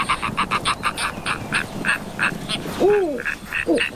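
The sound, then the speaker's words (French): Shrill owl cries ring out from a distance overhead in a quick repeated series, joined near the end by a couple of rising, wavering hoots over faint background hiss, in Sarek National Park, Sweden, in winter with snow-covered trees and ground. “Je reconnais ce cri. C'est un ululement, celui d'un oiseau, le hibou.”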